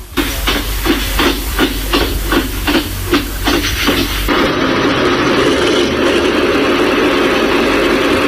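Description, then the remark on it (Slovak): The original recorded start-up sound of a locomotive engine, played at the press of a button: a rapid series of regular rhythmic chugs over a deep rumble, then a sudden switch to a steady, loud hissing roar as it settles into running. “S tlačením tlačidla naštartujem lokomotívu a pustí sa pôvodný zvuk štartu tej lokomotívy.”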